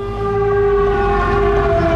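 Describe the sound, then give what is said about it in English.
An air raid siren wails loudly and steadily at Dimitro's port, its droning tone holding nearly level pitch throughout with a low rumbling background and no voices. “back at Dimitro's port, the air raid siren sounds.”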